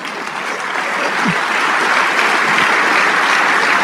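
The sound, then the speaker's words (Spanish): An audience claps steadily during a church sermon, applause for the King of Kings, a dense crackling applause that swells slightly after the first second and holds loud and even to the end, with no voices standing out. “Si ese aplauso es para el Rey de Reyes.”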